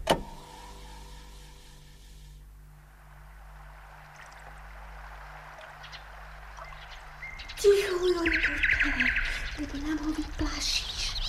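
A nightingale sings at sunset in bright, varied bursts of whistles and trills near the end. Before that there is only a steady low engine-like hum.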